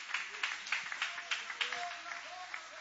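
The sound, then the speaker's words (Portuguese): An audience at a church service claps together in a steady, rhythmic beat to welcome a preacher, the many hands blending into a bright, moderately loud patter, with faint voices murmuring underneath. “Vamos receber o servo do Senhor com palmas bonitas para Jesus, aleluia.”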